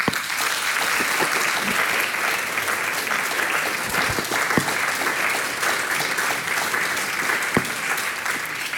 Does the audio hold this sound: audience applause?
yes